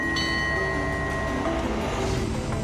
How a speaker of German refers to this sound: Unser Zug schlängelt sich noch ein wenig weiter entlang des kleinen Quais. Das, was von der eindrucksvollen Strecke der Thailand-Burma-Eisenbahn übrig geblieben ist, endet in Nam Dok.